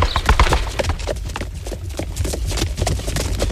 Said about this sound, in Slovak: Tak, a už si vykračujeme presne tak, ako som chcela. Teda vykračujú naše kone, naši tátošíci. My sa na nich vezieme až do nášho cieľa, na ranč v Banskej Bystrici v zasneženej Sásovskej doline.